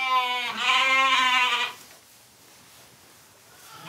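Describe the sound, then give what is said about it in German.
A single wavering bleat from an Ouessant sheep being vaccinated against tetanus and pulpy kidney disease, loud and harmonic-rich with a pitch that rises slightly, lasting about a second and a half before fading into faint background noise. “Die Ouisseant-Schafe werden gegen Tetanus und die Breinierenkrankheit geimpft.”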